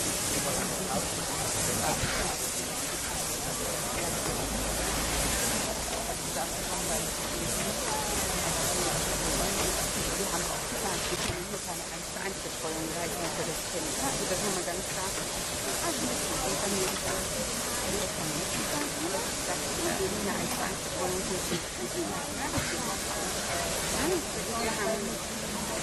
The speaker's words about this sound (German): Die Maschine ist eine Dampflok, die dem deutschen Dampflokliebhaber doch schon recht bekannt vorkommen wird von ihrer Gestalt.